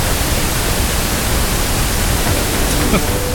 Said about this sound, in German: ganz kurz jetzt mal, rosa Rauschen, 0 dB in Mono, ganz kurz.